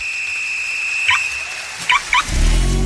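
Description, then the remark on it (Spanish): Car tires screech under hard braking: a sustained high-pitched squeal runs throughout, broken by a few short sharper chirps, before a low rumbling thud closes it out. “Si bebes, no conduzcas. Un frenazo podría derramar el trago.”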